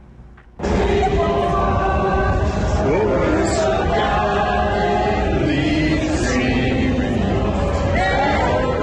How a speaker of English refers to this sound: Yeah, that was the scene a short time ago. That's at the tidal basin around those national monuments there. The crowd breaking out into a rendition of the national anthem.